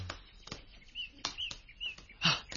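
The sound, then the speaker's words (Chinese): A flock of crows calls in quick succession, harsh caws mixed with short chirps and a flutter of wings, moderately loud, as the flock flies toward the woods. “有一群乌鸦飞向树林嗰边喎。”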